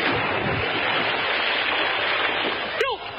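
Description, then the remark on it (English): A steady wash of rushing water fills the background, then near the end a single sharp splash-like plop rings out as something drops into the water. “Threw it in the water.”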